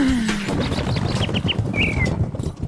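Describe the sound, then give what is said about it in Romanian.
A small bird chirps in short, repeated high notes, a few quick tweets followed by a brief rising call, set against a dense, noisy background of low rumble. “Măi, păsărică, n-ai și tu altă treabă azi?”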